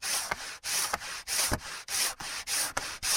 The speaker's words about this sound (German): So, fertig. Jetzt haben wir alle unsere Holzteile perfekt glatt geschliffen.